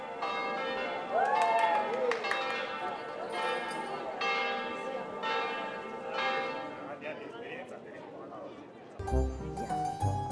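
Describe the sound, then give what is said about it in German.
Church bells ring steadily outdoors on the island of Elba, announcing a wedding, in overlapping, repeated peals, with a faint murmur of voices and crowd noise mixed in beneath them. “Die Glocken kündigen ein besonderes Ereignis an. Heute wird Hochzeit gefeiert.”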